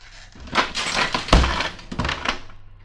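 A trap door slams shut with a heavy, booming thud, and dishes in the house across the street rattle and break in a loud, busy clatter and crash for a couple of seconds.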